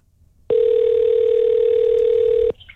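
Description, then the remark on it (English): A steady telephone dial tone as a radio host phones a listener to reach a contest winner, holding a single unbroken pitch for about two seconds, loud, then cutting off abruptly into quiet room noise. “Let's get to the phone lines. I'm going to try and get a winner on the line here.”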